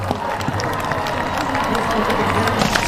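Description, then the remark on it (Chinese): A crowd of spectators at an equestrian show jumping competition claps steadily throughout, applauding the riders and their horses: a dense patter of many hands at moderate volume with the murmur of a large audience and faint voices mixed in. “现场观众啊非常热情，也非常喜欢马术运动，时不时的在给选手和参赛马掌声鼓励。”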